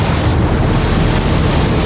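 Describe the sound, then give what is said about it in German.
Loud, steady roar of sea waves crashing, including a large wave, a dense wash of surf with wind buffeting and no voices. “Elliot schwamm auf eine große Welle zu. Sie erwischte ihn und zog ihn unter Wasser.”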